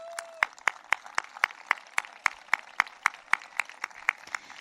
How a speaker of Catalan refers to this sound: I li agraïm moltíssim tota la feina que durant tants anys va fer en Josep Vilalta. Jo fins i tot faria un aplaudiment per ell.